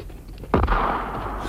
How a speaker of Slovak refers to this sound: Zdá sa, že tu ozaj niekto strieľa a má odvahu vyrušiť slávneho učenca vtedy, keď je na sekretariáte svojich myšlienok. Tam je náš strelec.